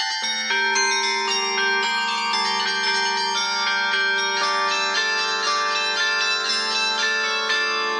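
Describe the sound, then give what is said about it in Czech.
Bells of a mobile 12-ton carillon mounted on a yellow truck ring out a melody, clear tuned strikes overlapping with long shimmering overtones, played at a steady pace and fairly loud throughout, with no voices. “Mobilní zvonohra vznikla i proto, aby se hudba dostala přímo za lidmi.”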